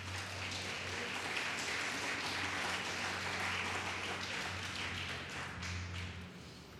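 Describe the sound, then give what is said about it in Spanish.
A church crowd claps for Christ during a sermon, a dense, sustained wash of many hands applauding together that stays loud and even throughout, with a faint low hum underneath. “Eso lo hace el Señor, denle un fuerte aplauso a Cristo.”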